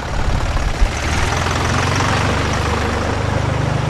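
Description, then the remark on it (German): A tractor with a piano strapped on its back idles in Meran, a steady low rumble with a throbbing, slightly knocking rhythm that holds even throughout, with no voices. “So logisch, wenn ein Traktor in der Promenade gefahren kommt.”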